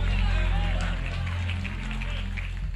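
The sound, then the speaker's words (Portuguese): A woman's quick running footsteps patter steadily as she runs back, jumping and moving her arms, loud and echoing, mixed with crowd noise and indistinct voices throughout. “Volta correndo, minha irmã. Volta correndo, pulando, mexa os braços, mexa junta.”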